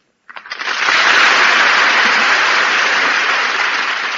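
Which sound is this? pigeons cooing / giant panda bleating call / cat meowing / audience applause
audience applause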